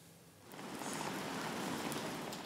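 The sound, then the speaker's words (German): Steady rain falls outdoors in Bremen's city centre, a dense, even hiss of drops that swells in after a quieter start and holds at a moderate level with no voices. “hat ihn deshalb ganz bewusst im Regen stehen lassen”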